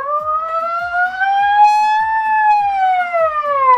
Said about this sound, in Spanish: No, chicos, no sé manipular el megáfono yo. Trata de hacer una sirena.